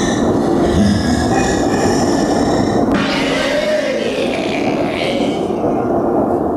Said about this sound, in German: Ein großes Spinnennetz versperrte der Bahn den Weg. Der Zug hielt an.